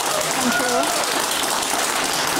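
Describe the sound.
An audience on a show applauds to welcome a guest. The clapping is a dense, even wash that holds at the same loudness throughout, with a few faint voices and whoops mixed underneath.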